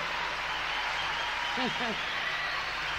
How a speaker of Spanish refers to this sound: Un aplauso al … y al … de …